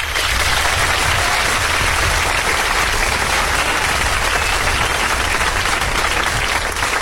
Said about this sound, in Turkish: Kendimi alkışlıyorum bir dakika.